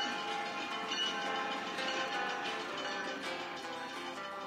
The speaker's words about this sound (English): At present, the leg in use is very short, though no less awesome for that matter. Unforgettable views of majestic landscapes make this ride on the Train to the Clouds a must for tourists visiting the area.